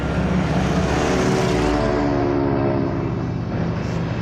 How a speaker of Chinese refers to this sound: 飞机坏了， 起落架卡住了。死活放不下。